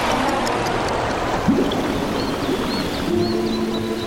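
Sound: flowing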